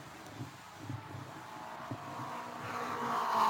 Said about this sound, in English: He's in his car, and his car is running. He's coming down the front straightaway. He may have to make a mandatory pit stop, but he is moving, I believe.